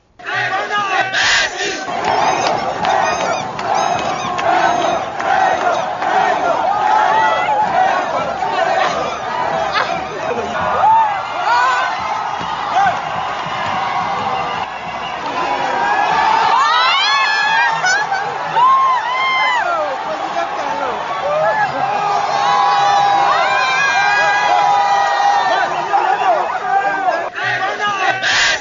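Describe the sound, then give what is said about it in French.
A large crowd greeting President Patrice Talon after his one-on-one meeting with President Romuald Ouadahi cheers and shouts continuously, with overlapping voices, chants and whistles forming a loud, steady roar that surges at times. “On va suivre en nouvelle diffusion le bain de foule du président Patrice Talon dimanche dernier, au sorti du tête-à-tête avec le président Romuald Ouadahi.”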